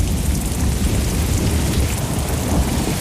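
Steady, heavy rain pours down with a deep, continuous rumble of thunder beneath it, a dense and unbroken storm wash with no voices.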